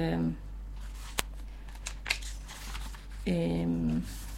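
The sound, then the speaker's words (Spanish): A few quick, crisp papery flicks and rustles of the pages of a poetry book being turned as a person searches for a poem, with a person's voice speaking briefly before and after. “Qué bueno el sonido de las hojas que se escucha.”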